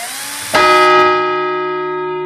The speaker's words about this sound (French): Et là, la cloche qui sonne. Pas au bon moment, mais c'est pas grave.